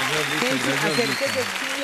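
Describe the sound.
Steady applause crackles throughout, a dense wash of clapping that holds at an even level, with a voice talking over it.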